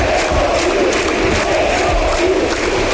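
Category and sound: crowd, stadium crowd cheering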